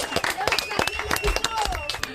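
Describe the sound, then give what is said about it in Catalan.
A burst of enthusiastic applause from a group of children after a slinging game, dense rapid clapping, fairly loud, with a few excited voices mixed in throughout. “Fort aplaudiment.”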